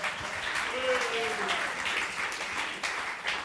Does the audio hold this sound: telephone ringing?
no